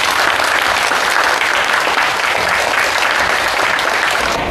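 Steady, dense applause from a class in a classroom welcoming a guest invited by the teacher, a descendant of the martyr Fang Zhimin. Loud and continuous for several seconds, a broad wash of many hands clapping with no pauses and no talking over it.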